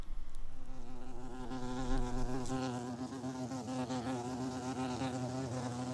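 A bumblebee buzzes steadily for several seconds, a low, droning hum with a slightly wavering pitch and fairly even loudness throughout. No voices are heard.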